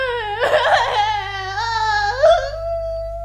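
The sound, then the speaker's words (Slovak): A child cries in one long wail whose pitch wavers, rises and falls, with a brief sob-like break partway through. No one speaks over it. “Princeznú Sidóniu, ktorá stále plače.”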